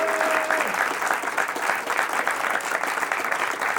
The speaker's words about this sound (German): Mit einem großen Applaus begrüßt unser wunderbares Publikum unsere beiden Finalisten